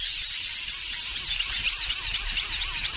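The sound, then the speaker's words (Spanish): An imitation of a rotating garden sprinkler watering a lawn, turning as the water sprays out: a steady hiss with high, bright spraying and a quick repeating chirpy pulse as it turns. The sound stays fairly loud throughout, with no talking. “Es un aspersor de estos que hay en los jardines para regar el césped o los jardines, que van girando, va saliendo el agua y van haciéndose ruido, sí, tal cual.”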